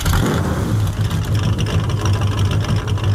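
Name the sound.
car engine running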